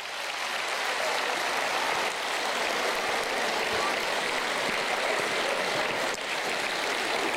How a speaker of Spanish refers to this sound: ¡Aplauso para la fe!